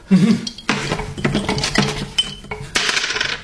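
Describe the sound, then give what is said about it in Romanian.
A single die is rolled in a dice game and lands on six: it clatters and rattles across a hard surface, a rapid series of bright clicks and knocks over about three seconds with no talking. “Uite, am să dau întâi cu un zar.”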